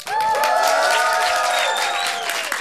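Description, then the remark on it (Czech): A festival crowd of about a hundred people in a white tent at the Povaleč festival cheers and claps loudly in one sustained burst, with shouts and high whooping voices over dense applause that holds steady, then tapers slightly at the end. “Tak udělejte obrovský bordel, ať jste slyšet.”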